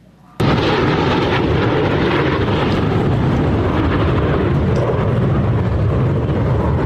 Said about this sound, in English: Look at that, a squadron of Thunderbirds soaring over the National Mall in the nation's capital this afternoon.